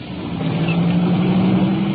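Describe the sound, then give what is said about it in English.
A police car's engine hums and rises steadily as it pulls away from a side street by a 24-hour gas station to answer a call about a woman screaming, a low droning tone building over about two seconds with no talking. “Taking off now.”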